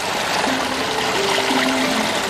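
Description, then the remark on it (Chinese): Water rushes steadily through a temporary inlet into an irrigation channel beside lotus paddy fields in Guangchang, a continuous, fairly loud gushing and splashing with no pauses, and no one speaking. “随着潺潺流水再次充盈水渠，莲田也得以躲过即将到来的高温炙烤。”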